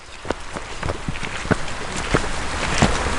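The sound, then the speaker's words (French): Steady winter rain hisses across the whole clip, fairly loud, beside the Mare à Goriot forest pond in the forest of Rheims, Saint-Amand-Wallers, with sharp irregular taps or soft steps breaking through every half second or so. No one speaks. “J'ai rejoint la guide nature au bord de la Mare à Goriot, sous une pluie hivernale.”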